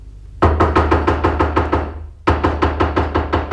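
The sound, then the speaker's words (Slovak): Someone raps rapidly on a door that is locked from inside, in two quick volleys of about eight or nine sharp knocks each, separated by a brief pause. The knocks are loud, hollow and evenly paced, with no voices. “Skúsme zaklopať.”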